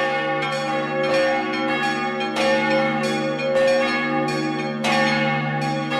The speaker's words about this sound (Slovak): No a už keď sa tam teda človek dostane, je to o tom rozostaviť teda mikrofóny a vtedy zvony nahrávam.